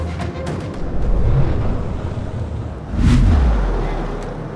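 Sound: gunshots fired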